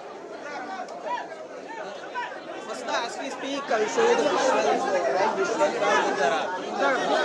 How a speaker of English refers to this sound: The huge crowd, all DMK MLAs have gathered outside the assembly, legislative assembly, to receive Udayanidhi Stalin.